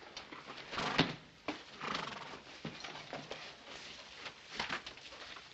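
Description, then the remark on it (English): A horse whinnies while hooves clop irregularly on hard ground, with several sharp hoof strikes standing out over a steady background rustle. “Take care of your horse?”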